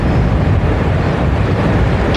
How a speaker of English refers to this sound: As I'm talking with you, in the background, I'm hearing the roar of this river, because to some that roar is scary, but I would imagine to some people, that's the roar of freedom.